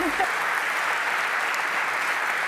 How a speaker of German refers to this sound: Ja, Glückwunsch. Applaus!